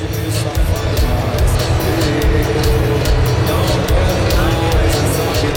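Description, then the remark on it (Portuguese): A large stadium crowd in Houston roars steadily as the Brazilian national team warms up on the field, a dense wash of voices and murmur, punctuated by scattered sharp claps and bursts of shouting. “Quero ouvir o som do estádio então, hein? Dá pra subir o som do estádio?”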